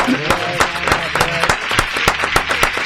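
Audience applause for live musicians performing on a radio program: rapid, irregular claps form a dense, steady clatter at even loudness throughout, with a faint low murmur underneath.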